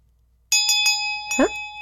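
A bright bell is struck three times in quick succession, then once more, its clear ringing tone lingering throughout, rung to signal a new song. A brief vocal sound cuts in near the end.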